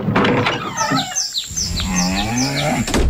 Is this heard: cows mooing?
yes